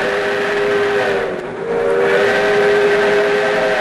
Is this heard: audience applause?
no